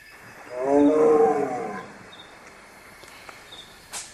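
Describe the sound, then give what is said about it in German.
A single low, raspy leopard cough rises and fades over about a second against a quiet night backdrop with faint insect hum, followed by a soft click near the end. “Hatte ein Leopard gehustet?”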